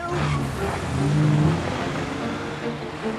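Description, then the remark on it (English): A car engine rumbles with a low, uneven, stuttering drone as the car makes a getaway, its pitch wavering slightly for a few seconds; no one speaks. “Wearing an eye patch, Killian watches as Connor has the car make a stuttering getaway.”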